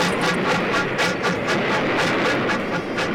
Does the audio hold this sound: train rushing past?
yes